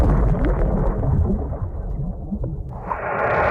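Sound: underwater bomb explosions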